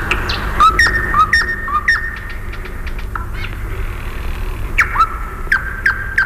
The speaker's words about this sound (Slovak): Tie slávičie trílky sú ako schody do výšav. Nesú nás stále vyššie a vyššie. Možno, že sú to schody do neba.